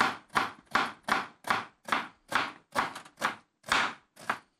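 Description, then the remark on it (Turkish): A knife slices an onion into rings in ten steady, evenly spaced strokes, each a crisp, moderately loud chop against a board, with no talking. “Soğanı piyaz mı istiyorsun? Aynen bunu da halka yapacağım.”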